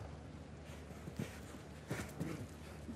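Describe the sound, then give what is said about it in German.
Horse hoofbeats on a show-jumping course as the rider brings his horse down to a slower pace: a handful of soft, uneven clip-clop thuds, with a short cluster near the end, over a steady low background hum. No one speaks. “So, schauen Sie, er hat sein Pferd durchpariert, nimmt ganz normal den ganz leichten Schwung mit.”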